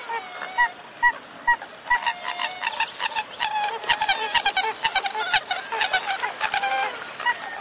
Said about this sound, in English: A pied-billed grebe.